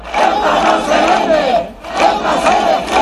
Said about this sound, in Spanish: Aún resuenan en las calles de Castilla-La Mancha este grito de miles de ciudadanos. ¡Ceuta no se vende! ¡Ceuta se defiende!